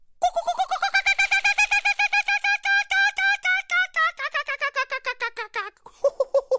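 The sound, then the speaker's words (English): A voice imitates an Australian kookaburra's laughing call: a loud, rapid run of chattering, hooting pulses that rises and falls for several seconds before ending in a few lower hoots. “That's a pretty good imitation of the distinct laughing call of the Australian kookaburra.”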